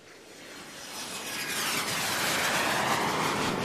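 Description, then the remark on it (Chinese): A jet airplane roars as it comes in to land in its home country, its broad engine rumble swelling steadily louder over a few seconds, with no voices. “三天后，飞机在国内落地”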